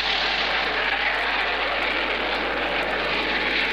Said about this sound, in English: Let's see, we christened and formally opened the new Hopkins County Airport, and that was quite an occasion. And did you hear the jets when they came over? If not, well, we heard them and got them on tape.